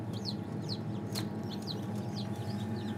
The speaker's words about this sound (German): Dieses Piepen, was man hört, von hier vorne, das ist das Ei.